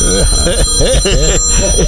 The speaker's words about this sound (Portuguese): Esse toque. Meu Deus do céu. Esse toque é daquele telefone antigo.